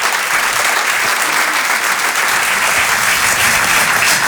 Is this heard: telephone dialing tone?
no